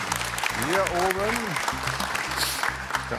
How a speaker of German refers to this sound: Wir warten immer den gebührenden Applaus ab.